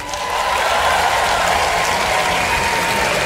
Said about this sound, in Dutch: En de tent zo vol staat met zoveel mensen. Dat doen we maar een paar keer per jaar. Dus dank jullie wel. Groot applaus voor jezelf.